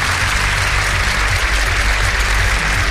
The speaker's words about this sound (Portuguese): E aí, agora sim, hein? Palmas para o domingo.